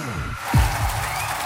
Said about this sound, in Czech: Slyšíte ten potlesk? Ten patří nejen vítězům, ale hlavně lidem, kteří hrají podle pravidel fair play, jak na sportovišti, tak i v životě.